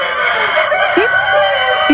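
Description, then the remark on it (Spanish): Several roosters crow at once at a Sunday contest in the Belgian town of Berlo, in a dense, overlapping chorus, their long harsh calls sustained and fairly loud throughout, with no pause between them. “Sí, no son personas, son gallos.”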